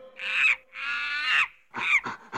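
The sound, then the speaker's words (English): Monkeys shriek and chatter from the left speaker: two long, harsh, wavering calls followed by a burst of shorter screeches, loud and with no other sound around them. “I'm over here in the left speaker with these monkeys.”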